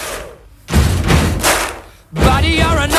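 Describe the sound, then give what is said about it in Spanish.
Heavy stomps on wooden boards in a church, used as the bass drum, in a steady stomp-stomp-clap pattern, deep booming thuds followed by a sharp hand clap, repeating loudly; a singing voice joins over the rhythm near the end. “golpeando el suelo, unas tablas en una iglesia que había por ahí, golpeando con el suelo, con eso hacen el bombo y tocando las palmas.”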